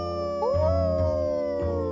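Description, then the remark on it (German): At least two wolves howl in long, sustained, rising tones, several voices overlapping into a steady wail with no talking. The sound is moderately loud. “Das war jetzt nicht wirklich ein Wolf, oder?”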